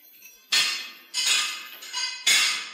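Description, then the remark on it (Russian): Four sharp metallic clanks ring out at irregular intervals, each a bright strike that fades with a ringing tail, as hammers and crowbars strike a locomotive monument to pull it down. “Что это за шум? Какой шум? Я ничего не слышу. Ну, там, возле монумента.”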